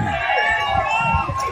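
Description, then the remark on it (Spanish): A noisy crowd commotion in Cali: many voices overlap into a steady, loud din with shouting tones rising above it, and dull low thumps scattered underneath throughout. “Hay mucha bulla.”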